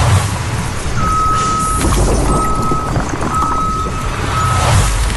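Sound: tow truck reversing beeps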